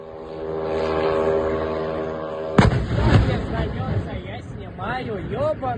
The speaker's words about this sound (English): Happening now, Ukraine launched another large drone assault inside Russia. Here's the moment one of the drones was intercepted.